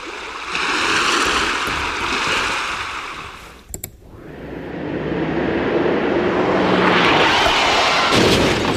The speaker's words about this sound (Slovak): Nie, toto je more.